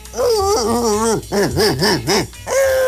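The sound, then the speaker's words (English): A human voice imitates a dog, starting with a long wavering whine-like howl, then three rhythmic yelping barks and a final drawn-out note. Loud, with no talking. “I am very well versed in speaking dog.”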